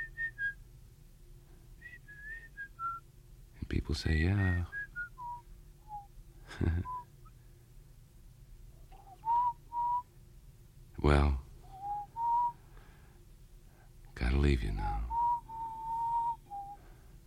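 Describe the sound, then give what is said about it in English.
Someone whistles a wandering pop-style melody heard on jukeboxes, in clear, sustained notes, pausing between phrases. Short bursts of speech cut in between the whistled lines. “I just whistle things that I hear on the jukeboxes, you know.”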